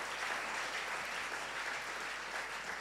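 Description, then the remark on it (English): An audience claps steadily for a group of senior high school contestants in an English contest run by Multimedia Group, a dense, even wash of applause that holds at a constant loudness throughout, with no voices standing out above it. “So shall we clap again for them?”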